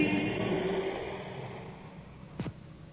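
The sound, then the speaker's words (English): Car engines rev and rumble as vehicles pull out of a station in London in response to an air raid warning, the noise fading steadily away, with a brief sharp burst near the end. No one speaks. “cars now. They're out of the station already. They've gone.”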